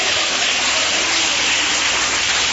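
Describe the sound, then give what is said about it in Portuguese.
An audience claps their hands together in a dense, steady roar of applause that holds at a loud, even level for a couple of seconds, with no voices standing out. “Quem tem essa paz pode bater mais palmas, dá glórias.”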